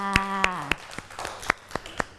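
Children in a class activity clap for a classmate who chose a shirt to dress a figure, in a steady, even rhythm, about nine sharp claps at roughly quarter-second intervals, with a brief sustained voice-like tone sounding under the first few claps.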